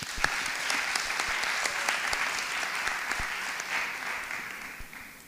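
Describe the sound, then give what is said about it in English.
An audience of many people claps steadily for middle school students from Homewood and the Hill District, a dense patter of many hands with sharp individual claps popping through, holding strong before gradually thinning out at the end. “Let's give one more round of applause for their hard work as we get started.”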